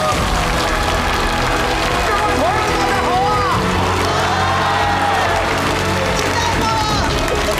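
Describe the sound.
A crowd claps and cheers loudly and steadily throughout, with scattered shouts rising over the applause while a man's voice greets the audience over the noise.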